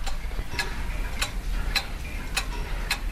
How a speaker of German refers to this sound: Das hier ist das leise Ticken aus dem Uhrmachergeschäft Zeit und Klang.